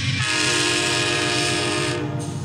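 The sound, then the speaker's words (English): A train horn blares loudly and steadily for a couple of seconds, a rich, sustained chord over a low rumble of rolling rail cars, with no voices. “That and the train. Oh, God. Oh, that's another sound.”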